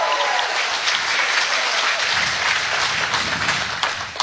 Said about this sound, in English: Let's have the advanced cheer for Renee.